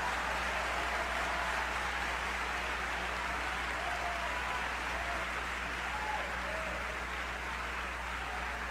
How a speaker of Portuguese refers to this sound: Aplaude ao Senhor, aplaude ao Senhor.